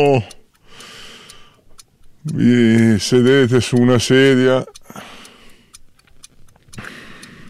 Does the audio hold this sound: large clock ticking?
yes